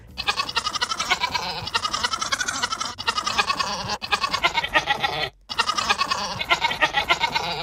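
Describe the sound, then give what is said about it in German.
A goat named Resi bleats a tune in rapid, wavering pulses, loud, running nearly continuously with a short break near the end; the bleats rise and fall like a sung melody, a 1980s Neue Deutsche Welle song. “Wir hören noch mal zusammen rein in das Lied von Ziege Resi.”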